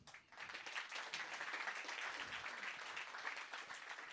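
Steady audience applause, a dense wash of many hands clapping that holds at an even level for about four seconds, with no talking over it.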